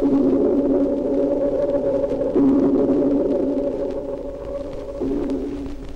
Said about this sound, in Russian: Сейчас эхо напоминает звук органа или раскаты далекого грома. Локатор настолько совершенен, что дельфин без труда различает виды рыб, рельеф своих коллег.